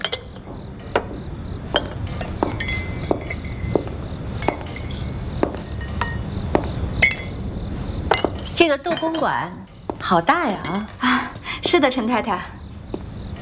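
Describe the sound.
Sharp porcelain clinks ring out close by at an uneven pace, like teacups knocking, over a busy room murmur; later, voices talk over the scene as the clinking thins out.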